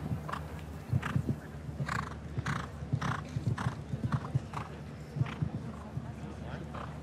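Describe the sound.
A show-jumping horse, Millfield Quickstep ridden by William Whittaker, snorts and breathes heavily in several breathy bursts while its hooves clop in an uneven, steady patter during a clear round, with voices murmuring in the background.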